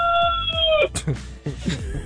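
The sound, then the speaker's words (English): A rooster named Lightwing on a farm in Southern Oregon lets out a single loud, sustained crow that ends abruptly within the first second, followed by people talking. “Wait, what's the rooster's name? The one who just crowed, Lightwing.”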